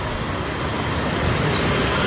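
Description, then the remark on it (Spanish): A loud, steady roar of heavy traffic between Morelos and Tinoco y Palacio streets in Oaxaca, Mexico, caused by the closure and takeover of the Health Secretariat offices: a dense wash of engine rumble and road noise with faint higher tones drifting over it, and no one speaking. “Ya nos encontramos entre la calle de Morelos y la calle de Tinoco y Palacio, donde el tráfico vehicular en la zona es bastante considerable debido al cierre y tomada las oficinas de la Secretaría de Salud”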